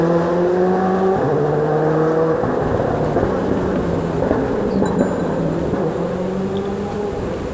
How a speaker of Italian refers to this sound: Il sound sulle valli. Sulle valli. Godiamoci nel silenzio questo più assoluto. Sì, noi stiamo certo zitti punto. Perché è bellissimo sentire questo eco tra due valli, questo eco che rimbalza di motori che passano.